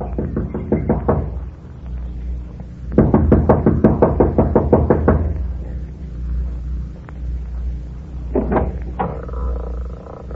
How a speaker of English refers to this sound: Kathy Evans, an attractive girl in her early 20s, gets out of the car, runs up the steps of the lodge to the front door. She knocks impatiently, looking about anxiously.